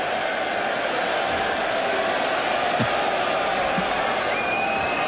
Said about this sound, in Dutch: Luid gejuich als Luke Humphries een keer 26 gooit.